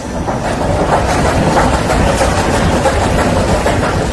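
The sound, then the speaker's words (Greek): A garbage truck grinds up trash: a loud, steady mechanical roar with rattling and churning texture, continuing unbroken for about four seconds with no voices. “Προσπαθώ να καταλάβω το απορριμματοφόρο την ώρα που μαζεύει τα σκουπίδια και αρχίζει και τα αλέθη μέσα του.”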